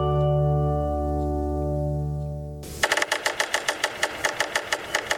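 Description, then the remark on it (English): A woodpecker drums on wood in winter woodland in North America: after a steady low humming tone, a run of about ten sharp, evenly spaced knocks rings out at a brisk, regular pace with no talking. “The drumming of woodpeckers can be heard penetrating the crisp winter air in woodlands throughout North America.”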